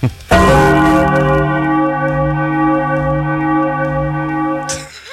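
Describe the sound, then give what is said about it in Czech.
A single loud church bell strike with a rich, sustained ring, its overtones humming steadily for several seconds before a brief noise cuts in at the end. No talking. “Doslavím svátek, protože 2. říjen je taky třeba den zvonů. Tak to musíš takhle.”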